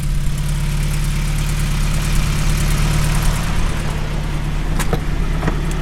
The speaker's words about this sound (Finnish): Mikä siellä hurisee? Minkälainen kone? 8,5. Se on niinku vähän tipparilun sukunen moottori, mutta tää on Cordini, niin tää on yksi viritetty vehe.